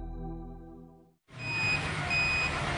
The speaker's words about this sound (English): Sounds like another container arriving at Direct Furniture Outlet Hawke's Bay.